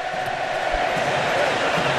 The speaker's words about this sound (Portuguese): se liga só, olha a festa da torcida argentina lá em Miami.